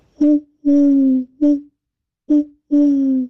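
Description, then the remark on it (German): A person imitates an owl's hooting, loud: five low, breathy hoots in two short-long-short and short-long patterns, with brief silences between them and no talking. “Ach, ist das eine schöne Eule.”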